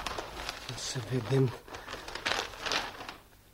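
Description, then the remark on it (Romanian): Newspaper pages rustle and crinkle in a few uneven, papery bursts over several seconds, with a brief low vocal murmur partway through before the crackling fades out. “A sosit ziarul.”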